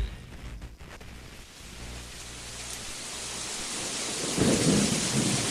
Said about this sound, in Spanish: Afuera está lloviendo y lo escuchas, por supuesto, a través de la mejor Córdoba 92.1.